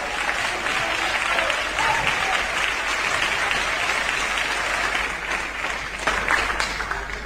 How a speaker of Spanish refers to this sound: Tomen asiento, amados hermanos, y dele un aplauso precioso al Señor.